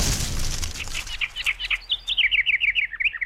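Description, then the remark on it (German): Rapid, high-pitched bird chirps in a quick repeating series, growing clearer and more regular after a brief noisy start, sounding like artificial or recorded birdsong played alone. “Lust auf Fake-Vogelgezwitscher? Lieber echtes?”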